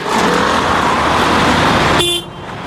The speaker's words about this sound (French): Des files de voitures jusqu'à l'horizon. Des familles entières s'entassent dans des véhicules chargés des valises de l'exil. Sur les toits, on peut voir des matelas et même quelques meubles. Nous sommes sur l'autoroute qui mène au sud du Liban,